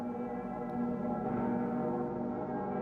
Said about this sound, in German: Bei der Messe zum Weltjugendtag dürfen die Stimmen der Glocke im Kölner Dom nicht fehlen.